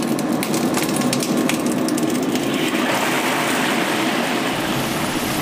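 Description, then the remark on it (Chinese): Carp slides into clear frying oil heated to 70 percent heat in a pot, being fried before stewing with tofu, setting off a loud, steady sizzle with sharp crackling pops at the start that settle into a dense, even hiss. No one speaks. “锅内倒入清油，油温达到70热之后，依次放入鲤鱼。”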